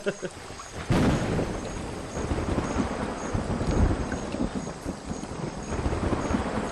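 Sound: thunder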